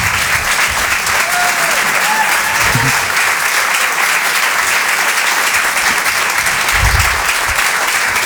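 Sustained, loud audience applause for a comedian coming on stage fills the whole stretch as a dense, steady wash of clapping, with a few faint cheers and murmurs rising briefly within it.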